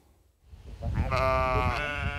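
A sheep from a flock of 23 grazing the Volkspark Rehberge in Wedding, tended by a shepherdess and her team, lets out a long, wavering bleat that rises in from quiet and holds steady, with a low rumble of other animal or ground noise underneath.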